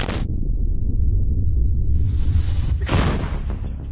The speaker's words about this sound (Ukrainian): Це гармата Д-20 152 калібру радянського зразка. Будинок вона може розібрати.